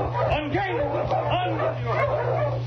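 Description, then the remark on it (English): A sled dog team barks and yips excitedly in quick overlapping bursts over a steady low hum that runs underneath throughout. “This is my last trip with the dog team.”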